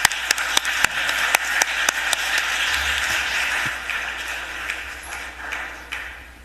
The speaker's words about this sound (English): And please stand. We'll give you a round of applause. Welcome, welcome.